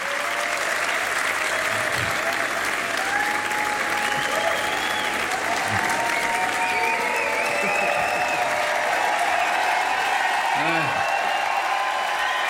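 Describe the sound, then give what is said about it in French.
Sustained applause from a large concert audience at the Jazz à Vienne festival, as the performer bows on stage: a dense, steady wash of clapping with faint cheers and whistles rising through it, loud and continuous for the whole stretch. “comme tout timide et embarrassé par ses applaudissements, il salue comme au théâtre.”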